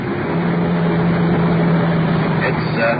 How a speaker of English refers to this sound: It's the liquor store on the corner. We're wheeling into the curb.